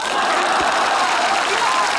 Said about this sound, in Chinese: 请坐， 不坐， 你还非得大伙儿给你鼓掌啊？ 鼓掌也不坐， 不坐就继续鼓。